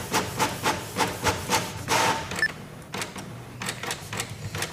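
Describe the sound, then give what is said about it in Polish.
A laser printer prints a test page with rapid, rhythmic mechanical whirring and clicking pulses, a brief high whine in the middle, then lighter repeating clatter as it finishes, with no talking. “Sam proces drukowania jest szybki, tylko chwilę on się musi przygotować do drukarki.”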